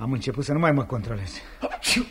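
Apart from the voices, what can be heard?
sneeze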